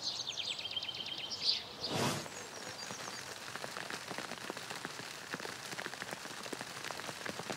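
hail falling

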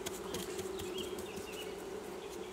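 honeybees buzzing

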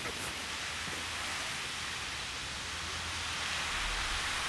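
water spraying

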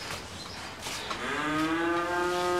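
cow mooing

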